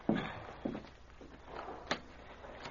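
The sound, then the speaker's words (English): A cabin door on a boat is opened to let someone in: a handful of soft knocks and clunks from the latch and wood, then a sharper thump near the end, over a quiet hum with no speech. “Let him in, somebody. Yeah, I will.”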